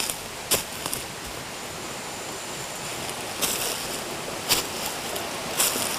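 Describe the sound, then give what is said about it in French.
Steady, hissing rush of a flowing stream in full shade at the foot of a beech forest fills the scene at moderate volume, with a few brief, brighter splashes or clicks scattered through it and no voices. “La fraîcheur du ruisseau”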